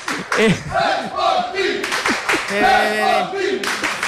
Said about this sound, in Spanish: Ara mateix, evidentment, perdent el partit, però us puc dir que més o menys la mateixa gent que els de l'Oviedo, i segurament amb molt més ambient, amb molts més càntics d'ànim. Mira.